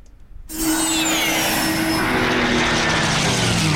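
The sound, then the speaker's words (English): After a brief near-silence, a loud aircraft engine roar from the Barrington Coast Air Show at Tari Airport surges in and holds steady, a broad rushing noise with a whining tone that slowly slides downward in pitch. “Feel the roar at the Barrington Coast Air Show.”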